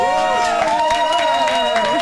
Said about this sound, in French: J'ai limite plus envie de faire la chronique, juste vous écouter m'applaudir.